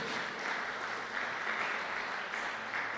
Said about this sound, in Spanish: ¿Cuánto le damos ese fuerte aplauso a nuestro Rey Celestial? Amén.